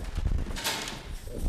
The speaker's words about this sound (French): On passe une porte. On descend un escalier.